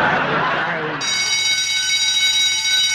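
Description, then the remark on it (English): A loud warning bell signals that the Happy Hour pop puzzle is coming up. It rings continuously for about two seconds, a steady, bright metallic tone with layered high overtones, following a brief burst of voices at the start. “And that warning bell tells us that our really tricky Happy Hour pop puzzle is coming up right after the next song.”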